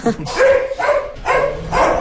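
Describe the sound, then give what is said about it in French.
Dogs on the Granja Champs-Élysées farm bark at Mistral, a horse going to steal the goats' food, in a loud, steady run of about four sharp, harmonic barks spaced roughly half a second apart, with no other sounds standing out. “Les chiens savent qu'il n'a pas le droit de faire ça.”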